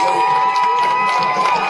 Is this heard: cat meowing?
no